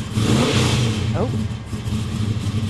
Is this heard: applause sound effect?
no